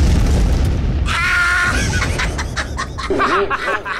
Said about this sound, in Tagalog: Imong ugangan, nabutan og cellphone!